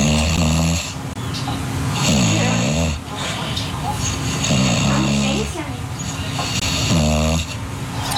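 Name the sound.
english bulldog snoring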